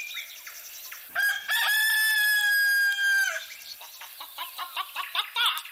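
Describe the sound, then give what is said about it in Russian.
A rooster lets out one loud, drawn-out crow, followed by a run of quick, choppy hen clucks and chatter that continue to the end. “Здравствуй, петушок. Здравствуй, хохлаточка.”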